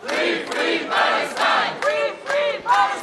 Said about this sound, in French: Sous les applaudissements et les slogans, les militants français de la flottille sont accueillis par leurs proches.